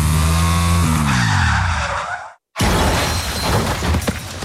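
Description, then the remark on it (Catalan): A car taking a bend too fast skids loudly, its tyres squealing in a falling pitch for about two seconds, then a brief silence before a harsh crash of impact and shattering debris rumbles on. “De tornada agafaré un revolt amb massa velocitat i tindré un accident.”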